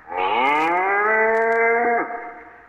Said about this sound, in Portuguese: No dia 3 de março de 1868, a expedição encontrava-se em Desbarrancado, próximo ao Quinto Jardim do Dia Lopes. Foi quando surgiu o velho sertanejo à frente de uma manada de 50 cabeças de gado que ele fora buscar.